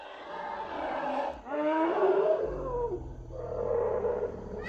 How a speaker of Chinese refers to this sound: 哎，可算叫了这大象，终于啊！ 阿坤吃饱了想玩耍，因此用叫声招呼同伴。